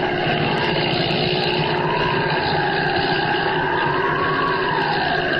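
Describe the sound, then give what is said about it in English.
A loud, steady airplane engine drones throughout, its rumbling tone slowly rising and falling in pitch as Holbein's plane circles before landing at the Sudbury airport. There are no voices. “He's circling, getting ready to land.”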